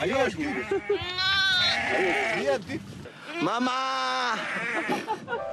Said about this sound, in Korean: 세상에 나온 지 10일 된 아기 양이라고 합니다. 와, 너무 귀여운데요.